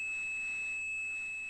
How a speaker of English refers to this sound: And those systems used tones to tell one another what to do. And one of those tones, 2600 hertz, meant the call had ended.